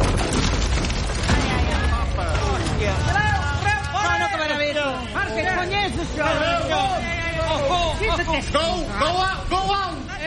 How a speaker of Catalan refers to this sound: Després d'una estona trontollant sense que ningú se n'adoni, els anells del barril rebenten i el barril esclata.